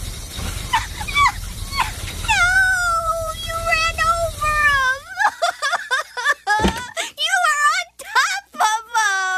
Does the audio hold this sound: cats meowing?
yes